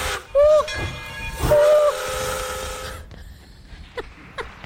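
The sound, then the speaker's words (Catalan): The steam train of the Tren de les Flors sounds two loud whistle blasts, one short and one longer, over a broad steady hiss of steam; the hissing cuts off and a few faint chuffs and clanks follow. “que el tren de les flors no s'espera.”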